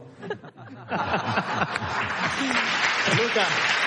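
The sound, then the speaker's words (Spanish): A live studio audience at a radio programme broadcast live in Almería breaks into applause for a socialist politician; the applause swells and becomes steady and dense, mixed with some laughter and voices underneath, loud. “estamos haciendo el programa en directo en Almería y que sepas que tú, socialista, acabas de arrancar el aplauso de un programa de radio.”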